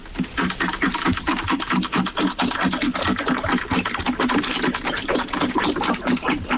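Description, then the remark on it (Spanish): A dog laps water steadily, a rapid run of wet, clicking slurps in an even rhythm that continues without pause at a fairly loud level. No voices are heard. “Claro, yo ahora solo escucho al perro bebiendo agua.”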